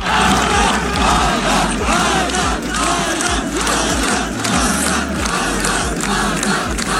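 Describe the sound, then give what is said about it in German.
A large crowd of spectators chants a runner's name in unison as he crosses the finish line after running 600 kilometres, the rhythmic chorus loud and repeating steadily with a roar of voices filling the background. “Als er ins Ziel gelaufen ist, hat man ihm das auch richtig angesehen, wie er sich gefreut hat, es geschafft zu haben, genauso wie sein ganzes Team und eben auch alle Zuschauer haben dann seinen Namen im Chor gerufen.”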